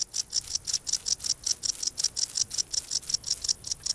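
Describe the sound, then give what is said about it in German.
A wart-biter bush cricket on the Baltic Sea coast stridulates by rubbing its wings together on a sunny day, in a steady, rapid series of short, high-pitched buzzing pulses, about five per second, repeating evenly with no voices. “Die Heuschrecke reibt ihre Flügel gegeneinander und erzeugt so den typischen Sound des Sommers.”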